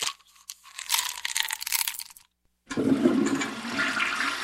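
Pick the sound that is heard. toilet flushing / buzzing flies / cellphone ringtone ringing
toilet flushing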